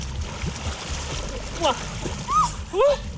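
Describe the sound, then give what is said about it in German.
Steady splashing and churning of river water as three dogs wade and paddle into the Nahe river near Bad Kreuznach, with a few short, high yelps or whines rising over the wash near the end. “gemeinsam gehen die zusammen bei Bad Kreuznach an die Nahe in den Fluss.”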